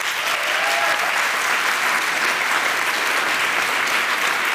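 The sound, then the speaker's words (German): An audience claps steadily for several seconds to vote for cycling as their favourite way to travel, dense and sustained applause from many hands at an even loudness, with no one speaking over it. “Ihr dürft jetzt gleich einmal für euren Favoriten klatschen.”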